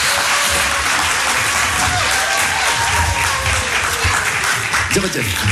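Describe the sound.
A crowd claps steadily and loudly for a guest musician, a dense wash of applause sustained throughout, with a voice briefly rising near the end.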